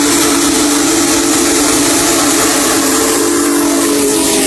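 The whistle of Union Pacific's Big Boy steam locomotive number 4014 blows loud and steady for several seconds, its deep chord layered over hissing steam and a rumbling engine, with no one talking.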